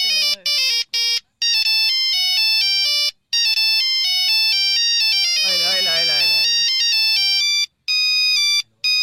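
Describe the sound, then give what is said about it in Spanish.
A loud, bright electronic ringtone from a Nokia mobile phone plays a quick, jaunty melody of beeping tones, with a brief warbling, wavering passage partway through. “¿Tú no tuviste ese teléfono? ¿Es un Nokia?”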